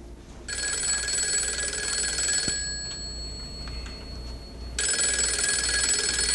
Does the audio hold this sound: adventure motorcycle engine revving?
no